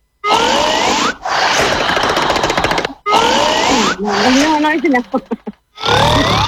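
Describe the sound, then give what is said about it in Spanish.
A voice loudly imitates snoring: harsh, rattling, growling snorts in three long bursts separated by short pauses, the last one breaking into choppy gasps, very loud. “Ronquido número 4.”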